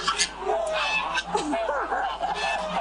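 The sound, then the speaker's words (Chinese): A flock of lion-head geese being raised in Chaoshan, Guangdong, China honks continuously, overlapping harsh calls rising and falling, with a busy, noisy background throughout. “抓鹅要趁鹅在没有防备的时候，用长钩挂住鹅脖子。”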